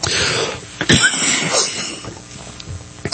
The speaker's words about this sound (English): I seem to be in a coughing spree today.